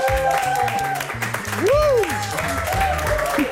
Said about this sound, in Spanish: Un gran aplauso y bienvenido a Nos Bebemos, Sergio Nakasone.